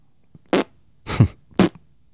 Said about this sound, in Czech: ty prdíš jako papardele. Papardele!